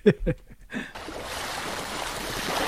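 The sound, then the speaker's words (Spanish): Sea waves wash in a steady, broad rush of surf that fills the last two seconds, preceded by a few brief voiced sounds at the start. “Olas, el mar, sí, muy bien.”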